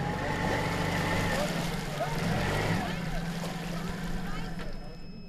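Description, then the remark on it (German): A small boat motor runs steadily at half power, at a low, subdued pitch, continuous, on an overgrown canal in the Krummhörn heading toward Pilsum, after the boat ran into a carpet of algae, with splashing water and a faint breeze in the background. “Der Motor läuft nur noch mit halber Kraft.”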